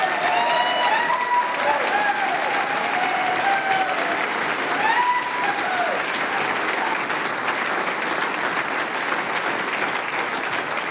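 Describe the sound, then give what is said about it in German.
Sustained applause from a large audience in a hall, congratulating a band on its 40th anniversary: a dense steady patter of many hands clapping at constant loudness, with faint cheers and voices rising briefly above it. “Und liebe Damen und Herren da im Saal, ich würde sagen, wir gratulieren dieser Gruppe einmal mit einem ganz, ganz besonderen Applaus.”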